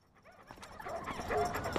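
A dog about to be taken for a walk whines and whimpers excitedly with a few short yips, growing louder over a couple of seconds, with no talking.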